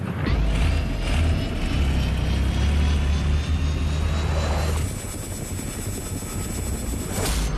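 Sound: helicopter in flight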